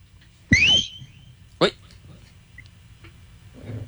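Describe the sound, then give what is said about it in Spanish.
A loud whistle, blown by a person to call for order, rises sharply and holds briefly, then a shorter second whistle follows about a second later over faint background noise. “Toca silbar, a ver si se aconductan.”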